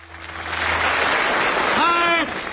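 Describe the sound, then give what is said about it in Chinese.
An audience at a Chinese xiangsheng (crosstalk) performance of 'Catching Wind and Shadows' (捕风捉影) claps in a dense, steady burst that swells quickly and holds for about two seconds, with a single voice briefly calling out over the applause near the end. “唐杰忠老师，你我四处找你，你还在那鼓掌干什么？”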